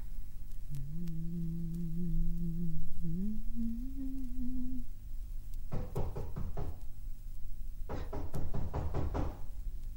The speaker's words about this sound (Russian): Бабушка Настя! Стучит кто-то! Откройте!